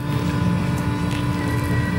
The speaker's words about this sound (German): So klingt es, wenn Tobias Wagner seinen 800 PS Lkw auf die Bühne der IAA bewegt.